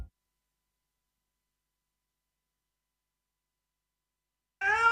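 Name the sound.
cat meowing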